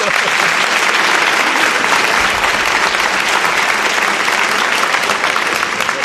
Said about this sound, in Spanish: No sé si se ha pedido un aplauso para él, ¿o se ha pedido un aplauso?